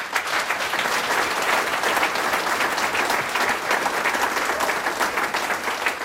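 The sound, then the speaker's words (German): Sustained audience applause at a gathering of singers and musicians, welcoming the opening group, the Goinger Weisenbläser from Going am Wilden Kaiser: a dense wash of many hands clapping at a steady, fairly loud level for several seconds with no voices standing out. “Begrüßen wir es mit einem Applaus.”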